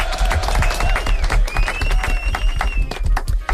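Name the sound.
applause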